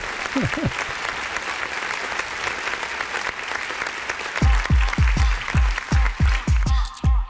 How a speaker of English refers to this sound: No beats, just claps.